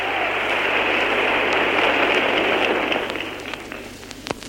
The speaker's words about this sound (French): Maintenant, c'est enfin Jean Renoir, le réalisateur du film, qui s'avance. Un tonnerre d'applaudissements souligne son apparition.